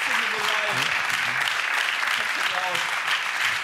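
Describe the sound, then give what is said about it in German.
Steady, dense audience applause for a game show team winning 2000 euros, a broad crackle of many hands clapping at even loudness, with faint voices and cheers mixed in underneath. “Applaus.”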